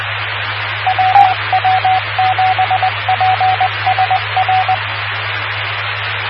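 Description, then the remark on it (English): A single steady tone keyed on and off in quick short and long beeps as Morse code practice, riding over constant radio static and a low hum for about four seconds. “And there, see, I can practice Morse code too.”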